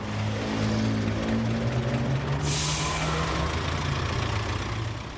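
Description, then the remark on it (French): A bus engine rumbles steadily at idle, then a sudden, loud burst of air-brake hiss cuts in halfway through and fades slowly under the continuing engine drone. “Donc le bus, lui, il va pas s'arrêter complètement, du moins pour aujourd'hui.”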